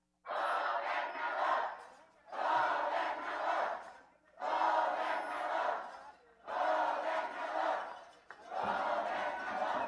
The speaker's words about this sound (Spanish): Un aplauso nuevamente al gobernador. Y que se escuche la porra desde Loreto, Zacatecas, a una sola voz.